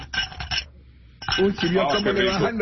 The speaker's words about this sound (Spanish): Le bajan los hielos a cada que le bajan los hielos. Pan como si fuera pinball pegando por todos lados.